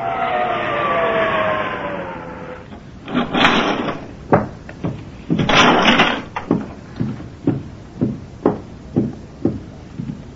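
An elevator door at the Delta Hotel rumbles and slides along with a mechanical whine, then a steady series of hollow clunks and knocks marks the elevator's ride to the fifth floor. No one speaks.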